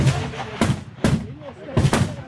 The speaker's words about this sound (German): Alle sind konzentriert hier im Schiessstand. Jeder Schuss zählt. Eindruck vom 300-Meter-Schiessstand in Chur.